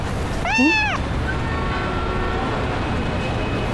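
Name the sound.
cat meowing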